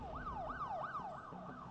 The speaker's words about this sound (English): A siren.